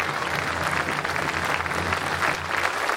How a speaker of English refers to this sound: We begin, and let's give her applause. She said beautiful words.